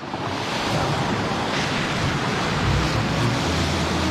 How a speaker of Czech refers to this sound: Na zpáteční cestě zuřila bouře, ale já se cítil silný. Rval jsem se s vlnami a křičel do jejich burácení jediné jméno.